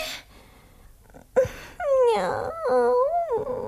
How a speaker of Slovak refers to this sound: Juj, pes!